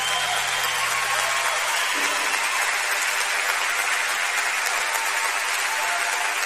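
An audience applauds a performer steadily for several seconds, a dense, even wash of many hands clapping at once with no voices rising above it.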